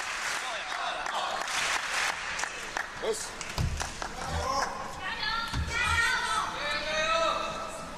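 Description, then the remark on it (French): Steady applause from a coach as Swedish player Anton Kjellberg plays the ball, running through the whole stretch, with a couple of dull low thuds midway and voices talking and calling out over the clapping. “Tourner autour de cette balle sous les applaudissements de son entraîneur.”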